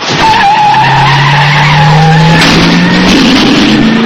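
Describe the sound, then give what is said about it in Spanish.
Loud, sustained squeal of car tires screeching over a revving engine at night, on the road about 200 km from Chicago, the pitch sliding upward as the car tears away, continuous for about four seconds with no voices. “Camino de Chicago, claro que sí, a toda pastilla.”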